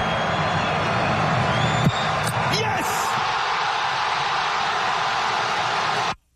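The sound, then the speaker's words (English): A huge stadium crowd roars continuously in a dense, loud wall of cheering and screaming, with a few whistles cutting through before the sound drops off abruptly at the end, as Morocco wins a World Cup penalty shootout against the Netherlands. “You listen to the crowd going nuts.”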